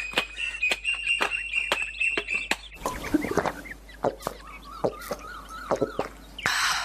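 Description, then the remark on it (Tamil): Several koels call from a coconut tree in a coconut grove, their sharp, repeated cries overlapping in a busy, lively chorus with no one speaking. “அங்க பாரு, தென்னை மரத்துல எவ்வளவு குயில்கள்.”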